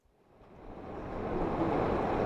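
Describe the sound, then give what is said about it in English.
The rushing water of the Truckee River flows through Reno, Nevada, on a sweltering summer afternoon, a broad continuous wash that swells from quiet to full within the first second and a half, then holds fairly loud with no voices. “The waters of the Truckee River flow through Reno on a sweltering summer afternoon.”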